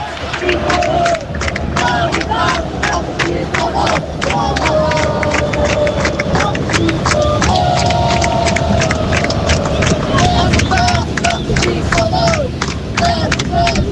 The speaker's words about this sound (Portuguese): Só para vocês sentirem um pouquinho da torcida aqui direto do Maracanã.